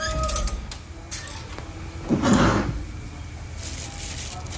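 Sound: drawer being opened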